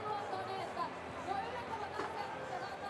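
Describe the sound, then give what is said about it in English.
A crowd offers supportive cheers and calls for a driver attempting a course with a chicane, blending into a steady, dense babble of many voices at an even, moderate loudness without sharp peaks. “Bit of support from the crowd.”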